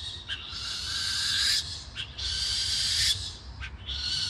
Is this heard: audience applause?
no